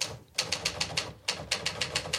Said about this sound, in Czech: Jak psal psací stroj sám.